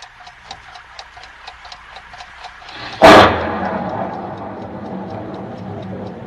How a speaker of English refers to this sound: I never heard a clock that made so much noise, just ticking.